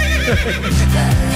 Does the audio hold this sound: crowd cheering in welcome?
no